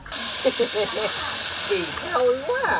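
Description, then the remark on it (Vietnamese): A steady, bright hiss of cake batter sizzling as it is poured into hot pans over two cooking fires on a house porch, with a voice talking faintly over the frying. “Âm thanh ấy nghe thật vui tai, cộng thêm mùi hương của bột bánh bay thoang thoảng, làm chúng tôi nôn nao, thèm được thưởng thức món ngon quê nhà.”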